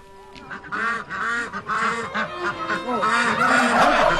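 A flock of white poultry, including turkeys, chickens, pigeons, peacocks and white Crimean ducks kept in a park enclosure, honking and cackling together, a dense overlapping chorus of loud calls that continues steadily with no pauses and no talking.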